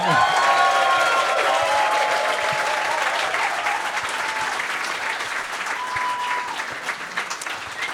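Sustained audience applause at a tribute concert, welcoming a singer and a jazz trio, a dense wash of clapping that stays strong for several seconds, with a few faint tonal notes or whistles sounding through near the start.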